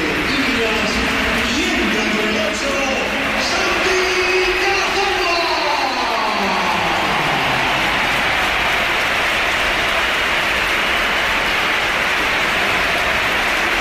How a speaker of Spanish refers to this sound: Y esta es la ovación que le ha dedicado el Bernabéu, que ha sido espectacular también cuando entraba el jugador del Oviedo.